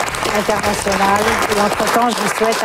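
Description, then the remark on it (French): Steady, dense applause from a crowd fills the whole moment as a news broadcast ends, with a journalist's closing words spoken over it and partly buried by the clapping. “Les mots de la fin enterrés par les applaudissements.”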